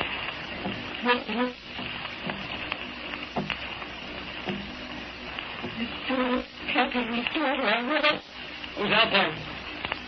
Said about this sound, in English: Someone tapping on the door. Gosh, for a minute, I did think that. But it's just the rain against the windows.